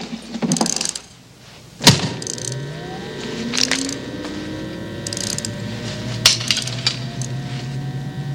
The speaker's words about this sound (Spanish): Listo, ahora pon atención. Dale cuerda al auto y suéltalo.